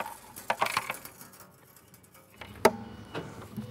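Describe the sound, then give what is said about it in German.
Loose small change rattles and clinks inside a container as someone tries to get it out, a cluster of bright metallic jingles early on, a quieter lull, then one sharp clatter followed by lighter shaking. “Ich glaube, meine Mutter hat hier irgendwie Kleingeld reingeschmissen. Ich muss das rauskriegen.”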